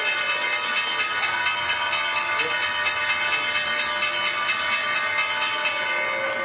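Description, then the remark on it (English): A loud, continuous electric bell rings steadily for several seconds, a bright metallic clanging with rapid regular pulses, with faint crowd noise underneath: the closing bell ending the trading day at the NYSE, rung by Zeta Global. “The bell's bringing an end to the trading day at the NYSE.”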